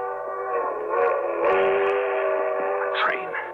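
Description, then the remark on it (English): A loud, sustained train whistle sounds, its steady chord of tones holding for several seconds over the low rumble of a train rolling past. “I can make that train.”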